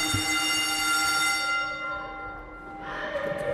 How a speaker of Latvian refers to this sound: šis zvans atgādina, ka mēs esam skola. Es saprotu, tā ir tagad skolas aktu zāle.